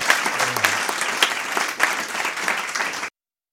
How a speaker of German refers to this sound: Einen Applaus.